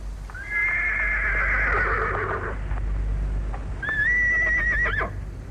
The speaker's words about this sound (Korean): 이날 아침에도 그는 일찍 대문 밖으로 말을 끌고 나갔다.